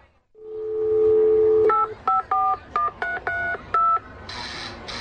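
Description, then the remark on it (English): A steady dial tone gives way to about seven crisp telephone keypad tones pressed in quick, slightly uneven succession, clear, ending in a short burst of static hiss. “Can't you see I'm on the phone?”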